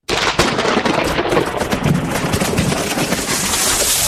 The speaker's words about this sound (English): What was that? Oh, it looks like the storm snapped that old tree in the backyard.